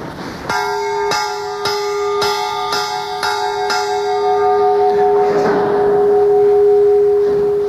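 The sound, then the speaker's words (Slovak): A cast church bell made by Slovak bellfounder Pavel Ranko of Trenčín rings out loud, struck about seven times in a quick steady rhythm, then left to hum with a long resonant decay. No voices are heard. “No a aby sme túto zvukovú prehliadku skončili aj nám známym slovenským zvonoliárom, dovolte, aby sme sa pristavili pri zvone Pavla Ranka z Trenčína, ktorý počas celej Prvej republiky vyrábal v Trenčíne zvony.”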